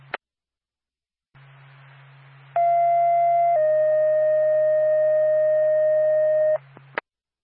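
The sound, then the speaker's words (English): Fire dispatch alert tones over a radio from Twin State dispatch to the Woodstock Fire Department for a carbon monoxide alarm activation: a loud steady tone holds for about a second, then drops to a slightly lower tone held for three seconds, over low static hum with clicks. “Twin State to Woodstock Fire Department, respond to 8 Cascade Drive, Unit 273 for a carbon monoxide alarm activation, time of your tone, 1259”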